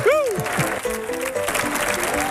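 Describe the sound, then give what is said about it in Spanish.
Steady crowd applause for a guest introduced as a professor fills the whole stretch, a dense crackle of clapping mixed with a rising whoop at the start and scattered voices calling out over it. “Fuerte el aplauso, por favor, para nuestro catedrático”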